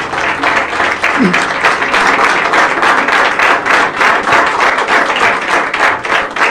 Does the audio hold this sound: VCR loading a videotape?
no